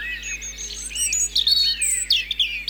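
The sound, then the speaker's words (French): A European robin sings a continuous run of thin, high, warbling phrases and trills, clear, with no voices and only a faint low hum underneath. “Rouge-gorge familier.”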